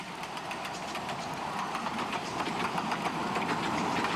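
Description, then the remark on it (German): A miniature exhibition railway train on 381 mm Lilliput gauge track, its locomotive built by Krauss & Co. of Munich, runs steadily past, its continuous rumbling roar laced with quick rhythmic clattering of wheels on track, loud, with no voices. “In den 20er Jahren waren Ausstellungsbahnen mit der Lilliput-Spurweite, wie wir sie hier haben, 381 mm, das gängige Verkehrsmittel auf großen, weitläufigen Ausstellungen.”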